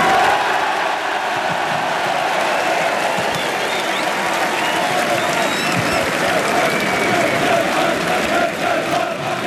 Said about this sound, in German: Ja, das war der Jubel für den Aufstiegstrainer, für Ralf Kettemann.